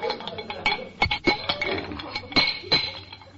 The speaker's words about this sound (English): These pipes must be feeder pipes. Feel a little loose. Oh, here's a wrench. We'll tighten them up.